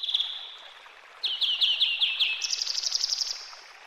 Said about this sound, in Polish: Ja, strumyk płynie zwolna, ptaszki śpiewają